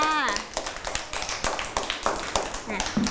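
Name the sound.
children clapping hands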